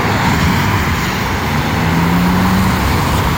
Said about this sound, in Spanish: Bendito tráfico.